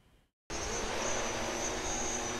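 A transport drone carrying patient blood samples from St. Josef hospital in Essen, North Rhine-Westphalia, to a medical lab 8 kilometres away takes off: it suddenly roars into life after a brief silence, its loud, steady rotor whine and buzz filling the air without letting up.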